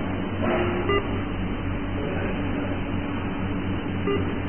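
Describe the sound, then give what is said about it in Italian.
Two short electronic notification beeps from a repeatedly incoming message, about three seconds apart, over a steady low background hum, with no voices. “ma se continui a mandarmi questo messaggio vieni per perdermi viene bip.”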